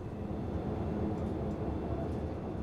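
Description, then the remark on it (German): A steady, low rumbling drone of a moving train, heard from inside the driver's cab with a trainee train driver at the controls, on a route with a longer stop at Bad Klein; a constant dense low-end roar and faint rattles, no voices, uniform loudness throughout. “Der Zug hier, der hat in Bad Klein nachher einen etwas längeren Aufenthalt.”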